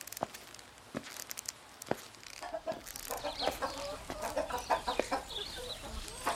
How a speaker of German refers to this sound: Weg, ihr Hühner! Bäh! Ekelig seid ihr! Oh nein, sie sind schon wieder ausgebrochen!